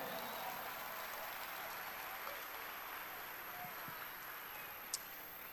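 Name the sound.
audience applauding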